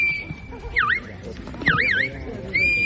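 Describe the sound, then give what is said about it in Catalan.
At a sheepdog herding trial in Prades, Baix Camp, Catalonia, a shepherd gives sheepdog commands with loud, shrill whistles to drive the flock: a long held note, quick swooping rising-and-falling calls, then another steady blast, over outdoor background noise and faint voices. “A partir dels xiulets i crits dels pastors, els gossos han anat conduint els ramats per superar les proves plantejades pel jurat.”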